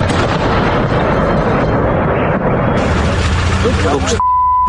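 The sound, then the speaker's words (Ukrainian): Loud explosions from air attacks roar in a dense, continuous barrage of booming blasts, then cut off abruptly into a steady high-pitched beep tone. “Ну хіба в 22-му році хтось міг собі уявити, що буквально щодня міста з абсолютно різних куточків неосяжної, і що важливо у глибокому тилу, здригатимуться від численних вибухів та повітряних атак?”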